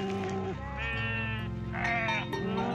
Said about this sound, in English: And I've never seen so many sheep. Yeah, come along and let me be introducing you to some of the flock.